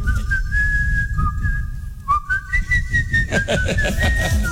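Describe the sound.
A contest participant whistles the melodic tune of a song, sliding between pitched notes over a steady low rumble of background noise, with a brief pause midway before the melody continues.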